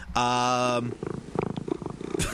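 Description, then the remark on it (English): A cat purrs in a steady burst lasting under a second, then gives way to softer voiced sounds that come in short, uneven pulses. “They're playing kitty sounds.”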